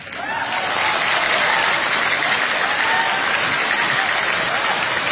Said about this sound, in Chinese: 最重要的是，厂长讲到高潮的时候，一定要热烈的鼓掌。不在乎你是不是第一个鼓，但一定要最后一个停。 为啥呢？ 大家都在鼓掌，谁能看见你啊？